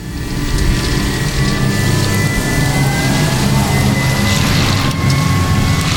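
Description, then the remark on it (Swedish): A heavy electric tractor truck from a haulage company's all-electric fleet rolls in for charging with a steady, loud low rumble and a faint whining tone that slowly shifts in pitch, with no one speaking. “Som dragbilen som här kommer in för laddning går hela den aktiva fordonsflottan nu på el.”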